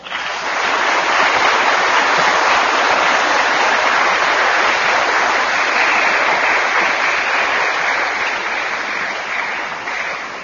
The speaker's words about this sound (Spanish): Vamos a bendecir a las mamás en el nombre del Padre, y del Hijo, y del Espíritu Santo, y a darles un fuerte aplauso.